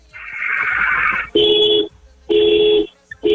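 A car horn, sounded in the Polanco area on request for five medium honks, gives steady, even honks: two blasts of about half a second each and a third cut short, following a stretch of rushing, hissy noise. No one speaks.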